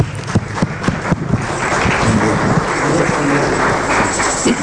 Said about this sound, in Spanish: Dale un fuerte aplauso a tu Señor, mi hermano.